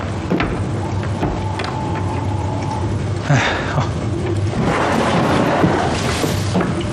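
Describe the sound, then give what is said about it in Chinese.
An electric fan runs with a steady, rushing whir and low hum throughout, a faint thin tone rising briefly early on, and a few soft knocks and rustles over the drone. “这弄的啥呀？ 风扇。”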